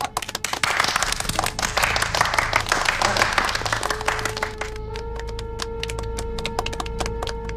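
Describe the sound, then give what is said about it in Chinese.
A theatre audience claps for the cast member introduced as playing the Marshal, a dense, crackling burst of applause that gradually thins into scattered claps, while a steady sustained tone rises underneath in the second half. “大帅鼓掌， 鼓掌。”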